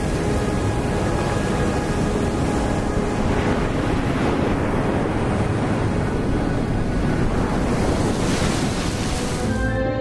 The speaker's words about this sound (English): The secluded Costa Verde, the green coast in the southwestern part of Sardinia, is known for its strong surf.